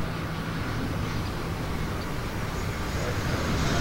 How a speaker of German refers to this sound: Komm, wir fliegen gemeinsam mit meinem Düsenjet, der da drüben steht, nach Leipzig. Los geht's.